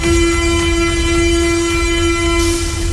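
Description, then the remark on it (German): A U-Bahn train at the Schillingstraße underground station platform in Berlin, one stop after Alexanderplatz, its loud, steady electric whine held over a deep rumble for the whole stretch. The platform is quiet, with no voices. “Ja, U-Bahnhof Schillingstraße, gerade wenig los hier auf dem Bahnsteig.”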